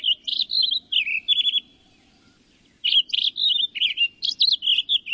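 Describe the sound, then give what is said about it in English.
A Townsend's solitaire in a stand of ponderosa pines in the mountains of the West pours out a rapid, warbling rush of bright notes, pausing briefly before launching into another tumbling phrase, clear with no voices present. “A mile up the trail, in a stand of ponderosa pines, a Townsend solitaire lets loose its rush of notes.”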